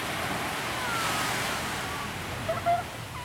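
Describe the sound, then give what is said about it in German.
Steady broad wash of surf rolling onto the longest sandy beach of the whole Amalfi Coast, in warm sunshine, fairly soft and continuous, with a few faint high chirps near the end. “Ich setze mich an den längsten Strand der ganzen Amalfiküste und halte mein Gesicht in die warme Sonne.”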